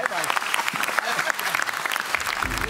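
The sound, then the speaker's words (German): Steady, sustained applause from many hands, a dense crackling clatter that keeps an even loudness throughout, with faint voices mixed into the clapping. “Wann hast du das letzte Mal von deiner Frau so langanhaltenden Applaus bekommen?”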